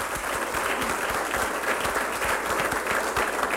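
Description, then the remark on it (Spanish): Sustained audience applause, a dense, steady wash of many hands clapping at even loudness for the whole stretch, with no voices rising above it. “Denle un aplauso a esa infinitud del amor de Dios, a esa misericordia de Dios.”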